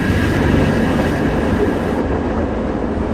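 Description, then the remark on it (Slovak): Tram cars rush downhill along the rails, the driver vainly trying to slow them, with a loud, continuous rumble and creaking rattle of the cars, heavy low-end noise filling the whole stretch without pause and no voices. “Počuť iba vrzganie vozňov, ktoré sa rútia dolu kopcom.”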